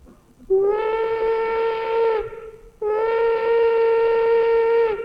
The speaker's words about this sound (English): This is the big locomotive of yesteryear, the one with the steam whistle. Remember the whistle when you could hear it on a cold night and it gave you a lonesome feeling? Remember that sound?